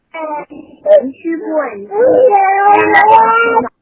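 A cat's drawn-out, heart-wrenching wailing cry rises and wavers for several seconds, loud, with short breaks between plaintive yowls.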